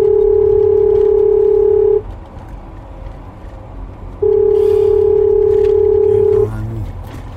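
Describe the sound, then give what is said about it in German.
A telephone ringback tone: two long, steady mid-pitched buzzing tones, each about two seconds, separated by a pause, over a low background rumble with no talking. “Verdammt, geh endlich ran.”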